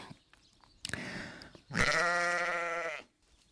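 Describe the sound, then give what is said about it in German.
Two sheep bleats: a short, rough call first, then a longer, loud, wavering baa lasting over a second, with quiet outdoor background and no talking. “Die Schafe sind da.”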